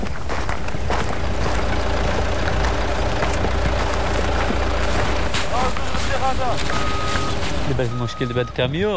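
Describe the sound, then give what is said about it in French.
A truck's heavy engine idles steadily with a deep, continuous low rumble throughout, and voices come in over it near the end. “Le problème avec ce camion, c'est que nous n'avons pas d'accès routier.”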